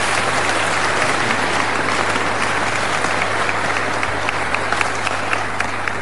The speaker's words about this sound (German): Ihr Applaus, Herr Bürgermeister.